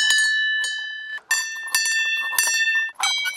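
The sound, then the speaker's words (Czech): Small bells from a row of small bells near a scenic viewpoint, each bell different, at a stop dedicated to composer Karel Horký, ring out with bright, high metallic tones, several sharp strikes in quick succession, each leaving a clear sustained shimmer that rings on between hits. No voices are heard. “Na dohled od krásné vyhlídky je řada zvoniček. Každá je jiná.”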